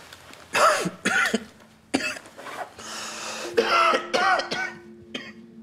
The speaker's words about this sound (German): Oh, kann sau wehtun. Seit wann haben Sie denn Blut im Husten?